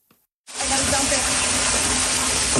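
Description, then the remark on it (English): Rushing floodwater roars in abruptly after a brief near-silence, a loud, steady wash of churning water that continues without a break to the end, from a back-to-back deluge of rain in the Niagara region of Canada. “The water came from everywhere, a back-to-back deluge in the Niagara region, dropping an astounding amount of rain.”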